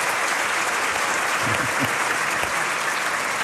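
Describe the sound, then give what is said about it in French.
Steady audience applause, many hands clapping in a dense, continuous wash of sound at an even loudness throughout, with a few low murmurs from the crowd underneath. “Franchement, on peut les applaudir parce que c'était déjà pas mal, comme début.”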